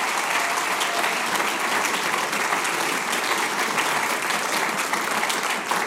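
Steady, dense applause from an audience for a Styrian accordion (steirische Harmonika) player standing up, many hands clapping together in a continuous wash of sound at an even, fairly loud level throughout, with no talking over it.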